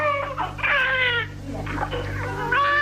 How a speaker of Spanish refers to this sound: Y aquí está su primer llanto.